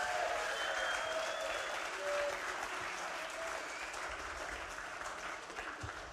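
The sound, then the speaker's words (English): A large audience applauds steadily for several seconds for the judges of the past two days, a dense wash of clapping filling the room, with a few faint whistles or calls mixed into the sustained ovation. “So just please, if we can give a round of applause for our judges over the last 2 days.”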